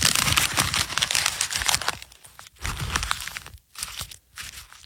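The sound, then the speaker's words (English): Paper being crumpled and folded, a dense run of crinkling and crunching for about two seconds, then a few shorter bursts of rustling separated by brief pauses, done in the old Rush Limbaugh studio as a tribute to Rush Limbaugh, who used to fold up paper there. “By the way, I just noticed, we're in the old Rush Limbaugh studio, and it sounds, he used to fold up the paper, that's my tribute, and it sounds much better in the studio.”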